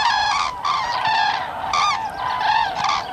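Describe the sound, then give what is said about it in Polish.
Young cranes in autumn, in family groups with their parents, calling in a steady series of squeaky, trumpet-like honks, several harsh, nasal notes overlapping with little pause, fairly loud throughout and without any talking. “Rozmowy rodzinne, bo oprócz tego, że są tam rodzice, to jeszcze pojawiają się maluchy, które nie mają takiego pięknego dźwięku, takiego klangoru, tylko mają taki swój piszczący dźwięk jak jakiejś małej trąbki.”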